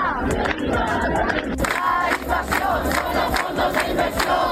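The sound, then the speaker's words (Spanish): A housing protest crowd, convened by the Plataforma de Afectados por la Hipoteca and the housing union, chants in front of the government delegation under the slogan "Acabemos con el negocio de la vivienda", in loud, rhythmic unison, voices rising and falling in repeated bursts over a steady, dense roar of many people. “Convocadas por la plataforma de afectados por la hipoteca y el sindicato de la vivienda, protestaban ante la delegación del gobierno bajo el lema "Acabemos con el negocio de la vivienda".”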